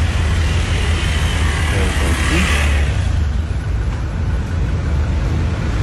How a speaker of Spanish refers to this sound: Aquí, pueden observar. Por acá, la cola está grandísima. Está larga, está larga, ¿no? Los carros. Por acá.